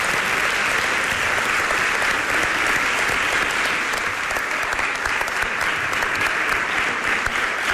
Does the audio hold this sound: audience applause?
yes